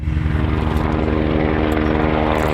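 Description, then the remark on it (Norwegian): A steady, loud rotor-engine drone from a firefighting helicopter pouring water over wildfires in Cairngorms National Park in the Scottish Highlands, with strong low harmonic bands and a rhythmic chopping pulse holding constant throughout, no voices. “Et brannhelikopter pøser vann utover nasjonalparken Cairngorms.”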